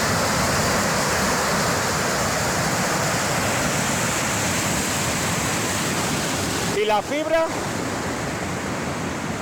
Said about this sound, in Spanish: Es el sonido del vídeo grabado por un vecino de la zona. En las imágenes se ve como el agua atraviesa toda la carretera y cae en forma de cascada, obligando a cortar la circulación tras arrastrar árboles, maleza y demás vegetación